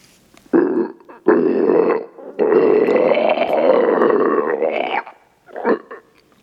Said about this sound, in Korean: 괴수의 목을 떼에서 끓는 듯한 소리가 계속 흘러나왔지만 채령이 다가오면 놈은 한 발 뒤로 물러섰다.